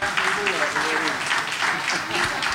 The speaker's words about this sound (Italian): L'applauso ancora